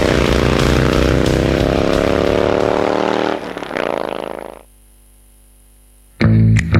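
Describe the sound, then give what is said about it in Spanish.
A loud, harsh motorcycle alarm blares steadily for a few seconds, starts to warble, then cuts out. After a short silence, another brief loud blast sounds. “Alarma de moto.”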